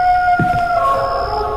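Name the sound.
jackals howling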